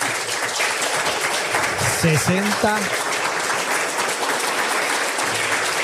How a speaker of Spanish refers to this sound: Vamos a daros un aplauso muy fuerte.